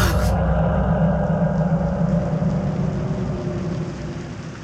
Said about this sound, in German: Der Regen prasselte an das Fenster.